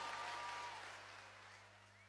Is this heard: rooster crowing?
no